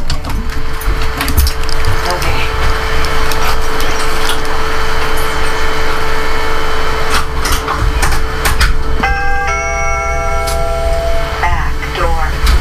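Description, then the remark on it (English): Several clunks and clicks of a back door opening and shutting over a steady background rumble, followed by a sustained electronic chime lasting a couple of seconds. “Okay, now that both doors are closed, hang on, I'll arm it, watch what she does.”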